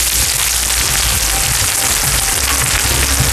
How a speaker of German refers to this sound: Oho, es brutzelt, serviert in einer flachen Pfanne. Hört euch das an.